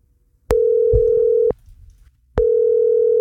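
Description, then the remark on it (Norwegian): A telephone ringing tone sounds twice: two long, steady, fairly loud electronic beeps separated by a short pause, heard clearly with no one talking, as a radio host calls a listener who signed up a school class. “så ringte Rogvi en av dem påmeldte I dag”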